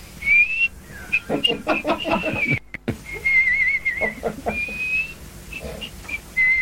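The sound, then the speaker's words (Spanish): A person whistles a wavering tune in sustained, sliding notes, fairly loud, with a burst of speech-like sounds and a brief pause breaking the melody partway through. “Bueno, silbando, carajo.”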